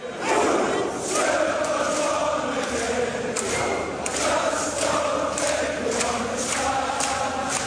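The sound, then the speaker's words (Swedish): Scottish football fans chanting in Boston, USA, during the football World Cup, in a dense, roaring mass of voices, with sharp rhythmic claps or stamps punching through about once a second over a steady, loud crowd din. “De skotska fansen har tagit USA och framförallt Boston där deras två inledande matcher har spelats med storm.”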